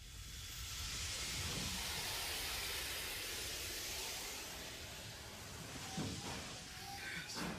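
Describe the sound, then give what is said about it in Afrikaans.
A coal-fired steam locomotive, its firebox full of burning coal, lets out a loud, steady hiss of escaping steam, with a few mechanical knocks and bursts near the end as it seems to begin moving. “Ek het jou vuurkas vol kolen gemaakt, die vuurbrand. Ons is reg om jou vir die wereld te wys.”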